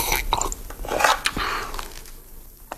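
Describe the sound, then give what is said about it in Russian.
Someone in a dugout eating very hot hash of potato, onion, stewed pork, pepper and bay leaf from a pot with a large wooden spoon: irregular wet chewing and smacking, with a few sharp clicks and scrapes, moderately loud with no talking. “сидел в блиндаже у разведчиков и ел из котелка большой деревянной ложкой необыкновенно горячую и необыкновенно вкусную крошонку из картошки, лука, свиной тушенки, перца и лаврового листа.”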